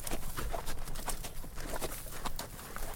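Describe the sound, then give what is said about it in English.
A horse's hooves clip-clop in a steady, even rhythm, roughly three sharp knocks per second, over a constant background hiss with no one speaking. “Hoofbeats may have almost vanished from our streets, but in literature they still echo, carrying the sounds of fading worlds.”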